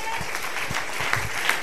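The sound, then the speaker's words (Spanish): An audience applauds Jesus in a steady, dense wash of clapping that holds at an even level, with a couple of sharper claps standing out near the end. “Y al Señor, dele un aplauso a Jesús.”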